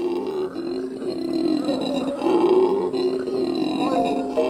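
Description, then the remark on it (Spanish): Howler monkeys roar from the rainforest canopy in a deep, guttural, rumbling chorus that holds steady and loud for several seconds, swelling slightly midway without any clear break. “Desde las alturas del dosel, los monos aulladores hacen honor a su nombre con un estruendo que resuena a través de la selva.”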